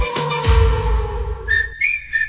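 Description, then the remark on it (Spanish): Three short, shrill whistle blasts in quick succession, the first two a bit longer, following a brief burst of rumbling, noisy sound at the start. No one speaks. “¡Oye, y ese pito!”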